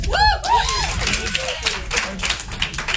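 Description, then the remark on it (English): At an underground stand-up comedy show in the back of a diner, a voice rises briefly at the start, then a small audience breaks into scattered, steady clapping, a dense patter of many hands that carries on at a moderate level to the end. “For those of you that did not clap, you are at an underground stand-up comedy show in the back of a diner.”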